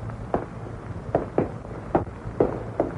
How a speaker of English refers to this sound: Listen. Another pair of footsteps behind him. They're following him. But... No, well, that can't be. Maybe they are. He's got to be sure. He slows down. The other footsteps also slow down.